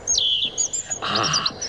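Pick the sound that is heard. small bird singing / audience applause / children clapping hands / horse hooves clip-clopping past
small bird singing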